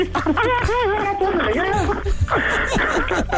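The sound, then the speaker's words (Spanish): A woman, a caller's sister, cries over the phone on a call to the Panda Show, her voice breaking into high, wavering sobs that rise and fall continuously for a few seconds, fairly loud with a thin, compressed tone. “Ya está llorando tu hermana, ¿eh?”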